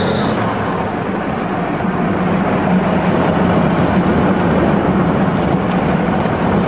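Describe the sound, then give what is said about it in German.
A car engine roars and the vehicle pulls away, its steady rumble and road noise filling the whole stretch at a constant, fairly loud level, with no voices. “Schnell steigen Sie ein. Wie kommt, fahren Sie los.”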